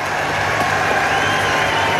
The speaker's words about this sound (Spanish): ¡Señora, despierte! ¡Se están enfocando! ¡Hace media hora que está saliendo en pantalla! ¡Un aplauso para la señora!